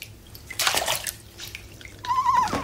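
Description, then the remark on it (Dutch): Water splashes and sloshes in a bathtub in several uneven bursts as fish are thrown into the bath, with broad hissy surges and a brief high whistling tone near the end, and no talking. “Ik gooi je vis in het bad, dat vind je leuk.”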